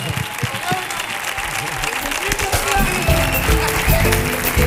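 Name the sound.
audience ovation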